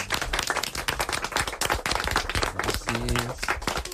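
A small group claps steadily for a few seconds in a studio, a dense patter of hand claps, with a brief voice or tone cutting through near the end.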